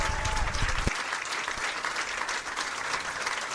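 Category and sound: crowd, audience applause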